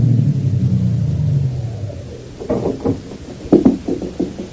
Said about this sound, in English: One day, back in June of 22, a big car drove up to the only entrance. In the back seat of the limousine was William Marsden, wealthy lawyer and executor of the Greystone estate, and he had come to inspect the grounds.